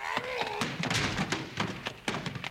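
A locked door is forced open: a short creak, then a run of heavy thuds and sharp splintering cracks in an uneven burst, loud and crashing, with no voices.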